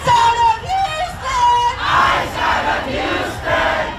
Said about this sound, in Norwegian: Ut av Houston og Texas roper demonstrantene, som har samlet seg i protest etter at Lorenzo Salgado Araujo ble skutt og drept av en ICE-betjent forrige uke.